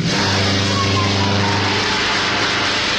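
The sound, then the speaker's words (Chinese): A loud, steady engine drone with a buzzing, propeller-like hum fills the whole stretch, continuous, like a small plane revving as it lifts off. The light aircraft's engine is started and it takes off, rising over police cars trying to stop it. “杜秋开动了发动机，终于从要阻拦他的警车上面腾空飞起。”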